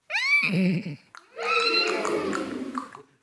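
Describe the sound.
A person imitates a horse's whinny with their voice as a demonstration: a high rising squeal dropping into a low nasal nicker, then a longer, wavering neigh-like call, loud.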